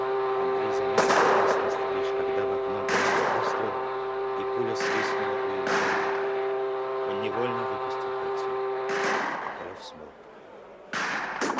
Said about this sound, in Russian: От нового выстрела Андрей бросился к угольной яме.